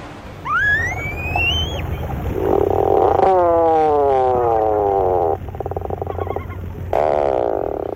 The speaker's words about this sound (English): Although not a first-rate vocalist, the bird making this groan-like call is one of the most recognizable to the eye. These sounds belong to the tufted puffin.